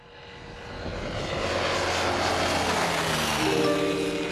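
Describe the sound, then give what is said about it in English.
The engine of a homebuilt propeller aeroplane, built and flown by a 74-year-old retired tradesman in Queensland, drones steadily, swelling from moderate to loud, with a continuous rough buzzing hum and no voices. “The retired tradie spent his life working at power stations, while in his downtime he built an aeroplane, one he continues to fly most weeks.”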